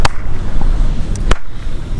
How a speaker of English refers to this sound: I mean, this kind of has like, let's clap and see what happens. Like to me, there's the clap, some space, but it, like that half of a microsecond later, you hear, you'll hear the echo.